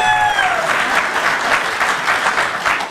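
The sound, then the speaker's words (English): Audience applause fills the whole stretch, a dense, steady clatter of many hands clapping at full volume, with a brief fading tonal whistle-like sound at the start. “You applaud her.”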